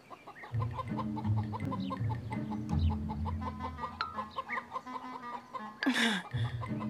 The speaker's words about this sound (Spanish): Así que decidimos ir con las expertas en huevos, las gallinas. Disculpen. Gallinas.